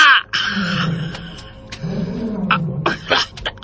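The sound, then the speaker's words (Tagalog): A big tiger roars loudly, a deep rumbling growl that swells and rises in two long surges, with a few sharp noisy bursts layered over it. “Dakong tigre! Hay! Dakong tigre!”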